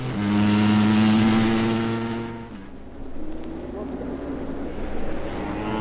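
A racing car's engine runs at a steady, strong harmonic drone, then stalls around the midpoint during a race; after a restart, a rougher, lower engine rumble follows as the car pulls away.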